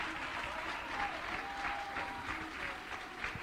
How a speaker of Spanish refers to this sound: Denle un aplauso a Cristo, que Él se lo merece. El Rey de Reyes y el Señor de Señores, apláudelo con ganas.